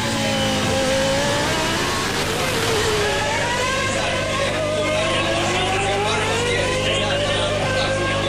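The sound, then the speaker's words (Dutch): A Formula One engine, heard on board David Coulthard's McLaren, screams at full revs, its pitch climbing and dipping as it shifts through gears, loud for the whole stretch, with a voice faintly beneath it. “In, vol in de toeren.”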